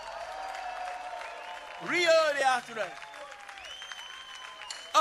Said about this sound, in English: Give yourself a nice round of applause, y'all.